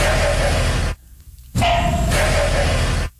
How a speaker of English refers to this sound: It's humping frogs. Oh, the horny darn frogs. It. Yeah, they do sound insane.